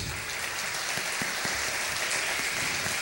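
Steady audience applause, a dense, even crackle of many hands clapping at constant loudness throughout, with no voices over it.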